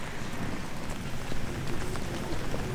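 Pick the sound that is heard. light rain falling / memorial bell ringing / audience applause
light rain falling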